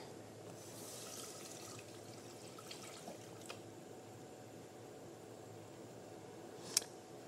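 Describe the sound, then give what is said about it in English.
Water runs steadily from a tap into a cooking pot, the first step in making black-eyed pea tostadas, a continuous hissing pour with a faint clink near the end, heard alone without any talking. “We're going to start with water.”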